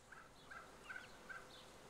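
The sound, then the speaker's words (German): A Ronquière turkey hen, acting as a foster mother, gives a series of soft, evenly spaced clucking calls as she lures her chicks out, about four short notes in a steady rhythm, fairly quiet, with no talking. In Köhlau. “Für die Aufzucht von Küken nutzt Christine hin und wieder Ronquière-Puten.”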